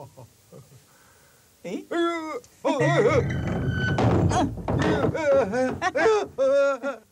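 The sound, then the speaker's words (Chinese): Heavy thuds of knocking on a door, a quick cluster of dull blows, mixed with a man's loud, urgent shouting in Chinese, "Open the door, open the door, open up quickly! It's me," that continues after the knocks stop. “开门，开门，快开门！是我呀。”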